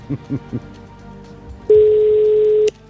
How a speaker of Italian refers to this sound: Dovrà rispondere con la parola, non può dire pronto, dire la parola che ha scritto. Entro il quinto squillo.